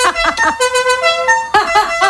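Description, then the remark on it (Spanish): A loud horn made of two truck horns honks in a series of blasts, with short rhythmic toots at the start and end around a longer, brassy sustained tone that shifts pitch. “le puso 2 bocinas de camión y aquello alucinaba”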